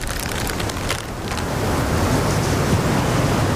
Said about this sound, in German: Duert nicht mehr lang. Das Unwetter, mein ich.